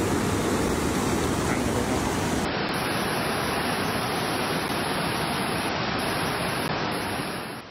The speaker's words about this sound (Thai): มันเป็นมวลน้ำที่สีขุ่นแดงนะคะทะลักเข้าท่วม